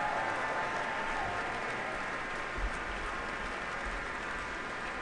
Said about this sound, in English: And the applause is not letting up here at Powell Hall. Pines of Rome, definitely one of the war horses of the repertoire, incredibly popular among audiences for as long as it's been around, and tonight's performance at Powell Hall is no different.